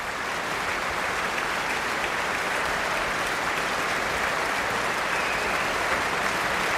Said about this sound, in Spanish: Estamos escuchando los aplausos para Duncan Ward, que dirigía a la Phil South, la Orquesta Filarmonía del Sur de los Países Bajos, en la gran sala del Concertgebouw de Ámsterdam el pasado 1 de julio, en el marco Los conciertos de verano